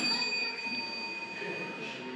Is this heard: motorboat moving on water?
no